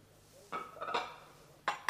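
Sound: pouring tea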